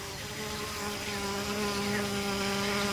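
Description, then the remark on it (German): A steady insect buzz drones on for a few seconds, a fly or wasp hovering with a continuous high whine and no pauses. “Es gibt auch Fliegen, die wie Wespen aussehen, oder Schmetterlinge mit bedrohlichen Augen auf den Flügeln.”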